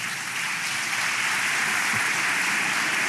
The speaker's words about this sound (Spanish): Sí, aplaude nomás.